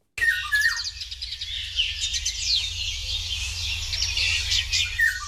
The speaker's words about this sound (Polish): Jeśli państwo nie mają świadomości, jak brzmi wilga, no to proszę wraz z komentarzem naszego pana …